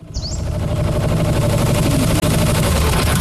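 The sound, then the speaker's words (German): A new tractor engine runs loudly and steadily, a deep rumbling drone with a rough, rattling texture that holds constant throughout, with no voices present. “Wow, das klingt ja nach einem neuen Traktor.”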